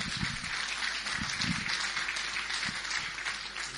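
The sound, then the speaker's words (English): A crowd claps steadily as the Honourable Mira El-Dannawi, MLC, is called up on stage, a dense, even wash of many hands with a few brief low thumps underneath, holding a fairly constant loudness for the whole few seconds. “Big round of applause.”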